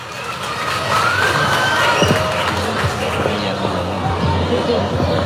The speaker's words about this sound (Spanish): Vamos a recibirlo también, a ver, estudiantes, con fuertes aplausos, a ver, fuertes aplausos a nuestras autoridades, tenemos que recibirlos como se merece.